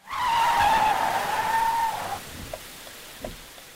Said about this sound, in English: The silver sedan that had raced through the pouring rain came to a stop in the middle of the road.